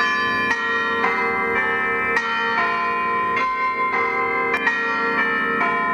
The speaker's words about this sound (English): how about bell ringing? Here at St. Clements at Yass, we're building a new bell ringing team.